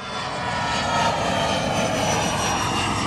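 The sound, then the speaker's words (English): A steady, loud airplane engine drones throughout, a broad continuous roar with a constant hum and no pauses. “But even that can't compete with flying.”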